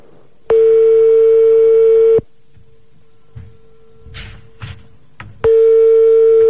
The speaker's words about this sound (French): Sinon, composons d'autres, j'ai l'impression qu'il va pas décrocher cet enculé.